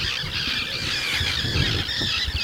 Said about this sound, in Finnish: Kalatiirat pitää tuossa nyt kovaa meteliä, nekin ihan vasta hetki sitten ilmestyi tuohon.